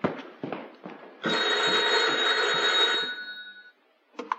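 An old telephone bell rings in one long, loud metallic burst lasting about two seconds, preceded by a few brief clatters and followed by a faint clunk as it stops.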